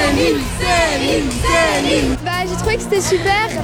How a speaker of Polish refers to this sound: Przed hotelem, w którym zatrzymała się piosenkarka, od rana czekał na nią tłum fanów.